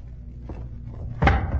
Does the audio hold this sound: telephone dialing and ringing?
no